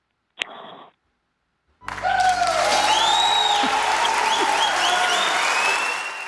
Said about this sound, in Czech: to je tedy aplaus, co?